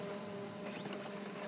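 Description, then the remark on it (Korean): A steady mechanical whir and hum from a printer or copier, with faint clicks and a brief sliding, squeaky sweep partway through; no voices. “저 알아요. 이거 복사기.”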